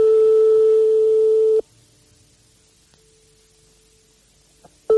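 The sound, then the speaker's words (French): A telephone ringback tone after a phone number is dialed to call a private home: a loud, steady electronic beep lasting about a second and a half, then a long silence before the next ring begins. No one speaks. “On compose le numéro de téléphone.”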